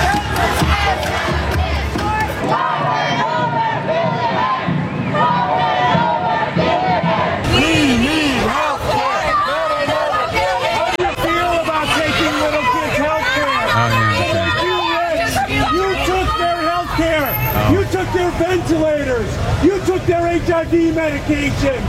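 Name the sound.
crowd screaming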